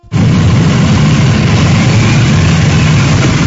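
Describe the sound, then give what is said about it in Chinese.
Loud, steady engine drone from a ceremonial motorcycle escort convoy guarding the cars of the July 1 Medal recipients on their way to the Great Hall of the People around 9 a.m.; a continuous low rumble with a broad roar over it that holds evenly throughout, with no voices. “上午9时许，7.1勋章获得者集体乘坐礼宾车从驻地出发，由礼宾摩托车队护卫前往人民大会堂。”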